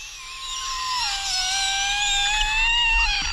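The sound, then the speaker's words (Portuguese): A kettle whistling: one continuous, shrill, steady tone with a slight wavering in pitch, holding at a fairly loud level throughout without any talking. “Isso, a chaleira? Parece uma bexiga vazando.”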